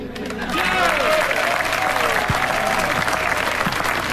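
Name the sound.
audience applause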